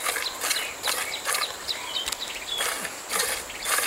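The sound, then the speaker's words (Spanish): A cow shuffles on a farm, its hooves thudding and scraping in a loose, steady rhythm, with faint birdsong in the open air behind. “Toca que le converse a la vaca, doña.”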